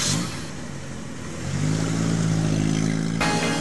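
A car engine idles with a broad rumble, then revs up loudly and accelerates, its pitch climbing and holding strong, with no voices present.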